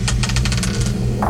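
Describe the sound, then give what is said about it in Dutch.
A die clatters across a hard surface in a quick run of sharp clicks that taper off within a second, over a low steady hum. The die is rolled in a game and lands on five. “Ik heb hier de dobbelsteen.”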